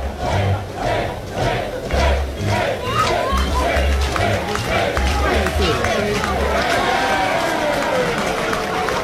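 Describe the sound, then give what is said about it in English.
A large crowd at a regional college baseball game with Georgia Tech leading 7-4 roars and chants in loud, rhythmic bursts as the batter gets back in the batter's box, with a steady pulsing beat underneath, sustained throughout without pause. “Crowd making a game out of when Dayton LaChance gets back in the batter's box.”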